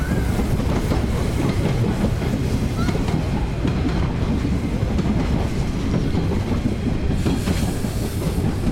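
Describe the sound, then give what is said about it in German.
A locomotive rolls past on the rails, a steady, loud low rumble with dense clattering of wheels over track joints that fills the whole clip, with brief higher tonal glints near the end. It carries jackets as it drives through and sounds its horn again. “Da kommt die Lok wieder mit unseren Jacken. Jetzt fährt er durch, hupt nochmal Wind und Stoffabflug.”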